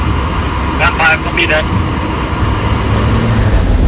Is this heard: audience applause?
no